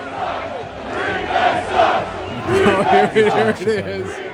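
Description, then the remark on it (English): A large crowd of baseball fans at Wrigley Field chants together during a rain delay in a loud, rhythmic unison, voices rising and falling in repeated phrases over a steady background roar of the crowd. “So during their delay last night, what do we hear from the fans?”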